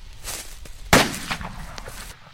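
A single hunting rifle shot cracks out sharply, loud against a quiet outdoor background, followed by a short rolling echo that fades within about a second.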